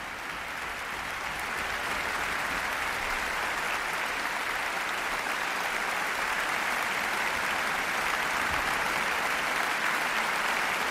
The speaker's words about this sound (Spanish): Aplausos de nuevo para todos los profesores y su director titular, Ludovic Morlot, de la Orquesta Sinfónica de Barcelona y Nacional de Cataluña.